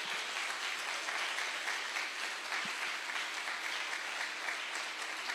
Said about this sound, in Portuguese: Vamos dar mais um aplauso ao Senhor.